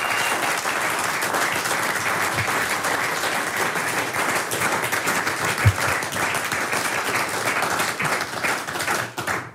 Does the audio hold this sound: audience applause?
yes